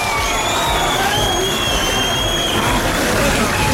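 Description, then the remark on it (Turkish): A large crowd chants and cheers for a speaker in a steady, loud roar of many voices, with faint high whistle-like tones drifting above the din throughout. “Rica ediyorum, konuşmayı bitirin, ondan sonra bana tezahürat yapın, bekliyorum.”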